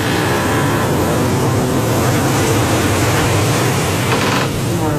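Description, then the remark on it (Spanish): A loud, continuous roar as a huge wave rises beside a boat and slams it violently against the dock, a dense wash of churning water that stays heavy and steady throughout, with no voices. “Como si hubiera escuchado la advertencia de Elías, una enorme ola se levantó junto al barco y lo empujó violentamente contra el muelle.”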